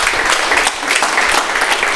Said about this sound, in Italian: Facciamo un applauso di incoraggiamento.